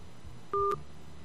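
A short electronic telephone tone, two steady pitched notes held together for about a quarter second as a listener's phone call drops, with a faint low rumble around it and no voices.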